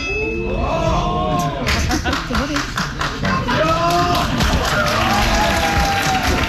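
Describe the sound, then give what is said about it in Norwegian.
A cinema audience breaks into steady applause after the last end credit of a film, recorded on a phone: dense overlapping claps, with scattered voices and a few cheers rising through the clapping. “Altså, det føles litt som om at folk klapper når flyet lander.”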